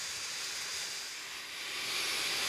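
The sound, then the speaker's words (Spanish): A vacuum used by researchers to suck up a cubic metre of meadow vegetation to find which insects live there runs with a steady, bright, hissing roar, its airy rush holding level and then swelling slightly louder toward the end. No one speaks. “Incluso usan una aspiradora.”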